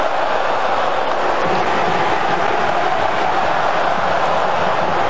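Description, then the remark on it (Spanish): A huge stadium crowd shouts and chants for Cristiano Ronaldo in a loud, continuous roar that holds steady for the whole five seconds, with no voices speaking over it. “Silencio para que ustedes escuchen a la gente gritar por Cristiano.”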